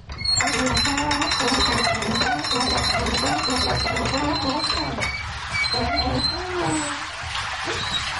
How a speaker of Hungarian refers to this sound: Folyik le róla a víz, hallani a csobogását.